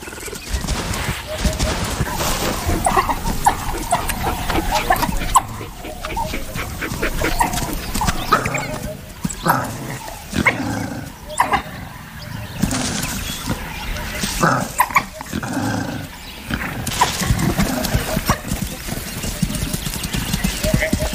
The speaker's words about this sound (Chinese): 一只非洲野犬在巡逻途中发现了一只刚刚捕获猎物的花豹。 它正在召唤其他非洲野犬来帮忙。